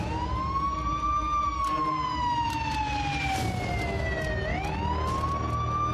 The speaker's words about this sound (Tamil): ரெண்டு பேரும் ஆம்புலன்ஸ்ல வந்துகிட்டு இருக்காங்க.